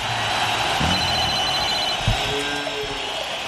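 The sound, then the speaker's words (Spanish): An old telephone bell rings continuously, a bright, metallic jangle that stays loud and steady for a few seconds with no pauses and no talking. It is used as the closing signal of the radio show La Casa del Rock Naciente on Rock and Pop. “El viejo teléfono y la vaquita que nos dejó el querido Negri Acosta nos señala que se acabó esta edición de la Casa del Rock Naciente.”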